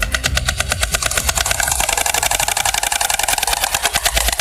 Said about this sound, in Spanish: Es el crotoreo de las cigüeñas, su peculiar canto.